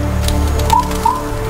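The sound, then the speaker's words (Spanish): Two short, clear calls from a great grey owl in snow-covered forest in Canada, a moment apart, rise just above a steady low background hum. No one speaks. “Es el gran búho gris.”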